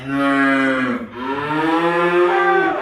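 A cow lets out two long, loud moos in close succession, the second drawn out and wavering in pitch. The call is clear with no talking.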